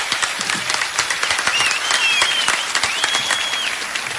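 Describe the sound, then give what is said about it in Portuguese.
An audience applauds steadily for about four seconds to send off a departing male guest, a dense, even wash of many hands clapping, with a couple of high whistles rising above it partway through. “Tem que sair com palmas esse homem.”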